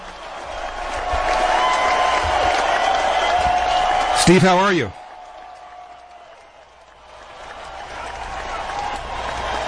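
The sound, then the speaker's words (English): A loud burst of audience applause and cheering, as a program welcomes back California Republican gubernatorial candidate Steve Hilton, fills the first few seconds, then cuts off abruptly, leaving a quiet stretch where a voice speaks briefly. “Maybe he's waiting for the applause to die down.”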